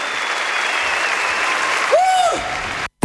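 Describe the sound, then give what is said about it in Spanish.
Steady, dense applause from an audience, a broad wash of clapping at even loudness, with a brief whistling tone rising and falling near the end before a sudden cutoff. “fuerte aplauso.”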